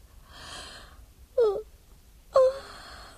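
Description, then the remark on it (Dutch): A person yawns aloud, a breathy drawn-in breath followed by short moaning, falling vocal sighs, fairly loud, with a second long yawn starting near the end. “Het is in strijd met de etiket om in tegenwoordigheid van een koning te gapen.”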